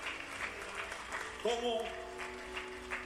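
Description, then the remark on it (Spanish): An audience at a revival gathering in Midland applauds to give glory to God, with steady, dense clapping throughout. Halfway through, a sustained tonal voice or note rises over the clapping, which carries on underneath at a moderate level. “Give him a hand.”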